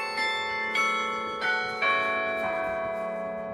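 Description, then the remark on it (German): The carillon of the Parochialkirche in Berlin, revived in 2016, rings out from its newly built tower: a slow sequence of bell notes, each strike bright with long, shimmering overtones that linger and overlap; no voices, just the bells sounding full. “Das Glockenspiel der Berliner Parochialkirche wurde 2016 wieder zum Leben erweckt. Es ertönt aus dem neu errichteten Turm, der gegen Ende des Zweiten Weltkriegs infolge eines Luftangriffs ins Kirchenschiff gestürzt war.”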